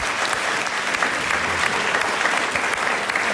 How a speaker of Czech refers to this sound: tleskají tak napůl, protože přeci jenom práce bude ubývat, ano.